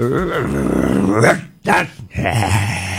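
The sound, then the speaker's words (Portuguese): A boy imitates an angry dog, with a loud, rough growl rising into snarling barks, a brief pause, then another throaty growl. “O menino que imita cachorro.”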